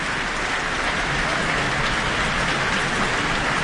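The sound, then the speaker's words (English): Sustained applause from a large Auckland concert audience as composer Leonie Holmes comes to the stage after the New Zealand Symphony Orchestra performs her work I Watched a Shadow. A dense hiss of many hands clapping at once holds a steady loudness throughout, with no voices over it. “And we have Leonie Holmes coming to the stage to receive her very warm applause from the Auckland audience tonight.”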